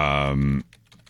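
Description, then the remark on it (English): Soft, quick clacks of typing on a computer keyboard in a short irregular run, heard faintly after a louder sustained humming tone cuts off. “I'm definitely not just typing these out right now.”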